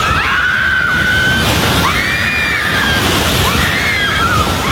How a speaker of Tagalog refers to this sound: maririnig ang sigawan ng mga tao habang niyayanig ang General Santos.